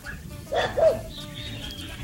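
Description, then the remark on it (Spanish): A dog gives two quick barks in succession, moderately loud, over a low hum of background noise with possible faint voices. “¿El perro también participa?”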